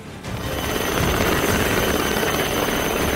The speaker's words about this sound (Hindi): यहाँ समंदर में फंसे मछुआरों को एयरलिफ्ट कर सुरक्षित बचाया गया। समंदर में एक नाव के डूबने की स्थिति में होने की जानकारी मिलने पर कोस्ट गार्ड ने तत्काल हेलीकॉप्टर के जरिए रेस्क्यू ऑपरेशन शुरू किया